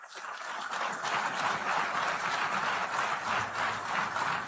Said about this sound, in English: I just wanted to play that part where they applauded at the end.